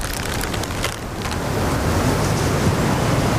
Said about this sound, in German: Duert nicht mehr lang. Das Unwetter, meinig.